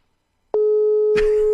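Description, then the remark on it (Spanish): A phone line rings out with one steady, fairly loud electronic tone lasting about a second, broken briefly by a rustling burst midway; no one picks up or speaks. The call is placed by a host on Radio Carapeba to a friend. “mi querido, ¿dónde estás? ¿Por qué no me atiendes? Atiende el teléfono.”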